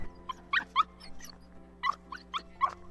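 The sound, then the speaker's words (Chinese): A pet dog named Milu whimpers and lets out short, high yips in quick clusters, sounding excited, with brief pauses between bursts and a faint steady hum underneath. “看狗狗现在已经很冲动了，他是看到什么？”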